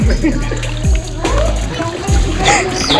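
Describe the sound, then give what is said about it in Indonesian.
Water is splashed and sloshed repeatedly over cassava being washed, with rhythmic splattering bursts, while people talk in the background. “Tolong Kang, siram Kang.”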